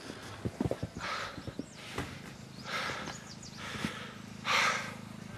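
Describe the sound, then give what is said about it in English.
A sheep struggles while being held down, thrashing its head: a quick flurry of hoof thumps and scuffling, then several loud, breathy snorts and huffs spaced out over a few seconds, with no talking. “The idea of holding a sheep down.”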